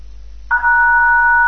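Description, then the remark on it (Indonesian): After a brief low hum, a steady telephone tone on a caller's line to the RRI radio call-in program Pro Dangdut starts abruptly and holds unbroken to the end, a loud, continuous two-pitched electronic beep with no pauses and no voices, the caller having left without a message. “Wow, ini hanya suara bel panjang nih.”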